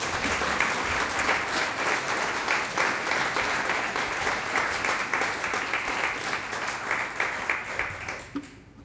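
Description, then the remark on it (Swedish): Sustained audience applause at Skeppet for an ensemble, a string quartet of musicians from Gdansk and Warsaw, a dense wash of many hands clapping steadily at a fairly loud level for several seconds, then thinning out and fading toward the end. “En applåd för dem.”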